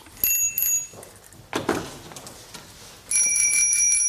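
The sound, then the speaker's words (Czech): Bicycle bells being tried out in a bicycle shop ring in short bursts, a bright metallic ding at the start, a brief clatter midway, then a sustained ringing trill near the end, loud. “Dobrý den, já zkouším zvonky.”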